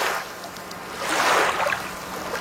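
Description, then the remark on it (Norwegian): Gentle small waves slosh and lap against a beach, a soft continuous wash that swells briefly in the middle before settling again, with no voices present. “Små bølgeskvulp går jo klar av alle motebegrep, og skvulpet alleles tidløst inn mot stranda vi her og nå.”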